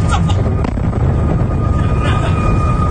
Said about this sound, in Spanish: En total, según informa su Ministerio de Defensa, hoy han derribado al menos 15 misiles y 4 drones disparados desde Irán, aunque uno de ellos impactó directamente en un complejo petrolero. Este fue el momento del impacto.